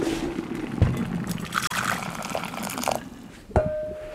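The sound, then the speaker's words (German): Boiling water pours steadily into a porcelain bowl with a splashing, trickling rush, a few clinks of ceramic along the way, ending with a sharp ringing tap against porcelain. “Okay, das Wasser kocht jetzt und wir werden das jetzt rüber machen in die Porzellanschüssel.”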